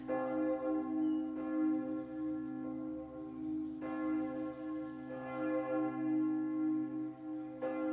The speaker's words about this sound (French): On accompagne jusqu'au cimetière à pied et tout le temps de la marche jusqu'au cimetière, les cloches sonnent.